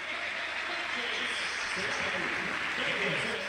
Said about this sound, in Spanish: la ovación también para el Flaco López, que ya está ubicado en uno de los palcos